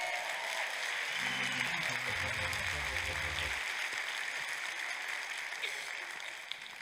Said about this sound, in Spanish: ¡Aplausos a Jehová!